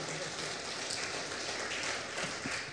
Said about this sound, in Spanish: Denle un aplauso.